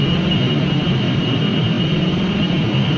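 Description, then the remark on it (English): A steady, unbroken mechanical drone of data center machinery, dense low rumble with a constant high-pitched whine layered on top, loud and unchanging throughout with no voices. “If you live near one of the 3,000 data centers around the country, it might sound familiar.”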